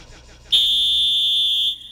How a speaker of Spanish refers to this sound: no esperes el pitazo poner sonido. Ay, carajo. Aquí está el pitazo.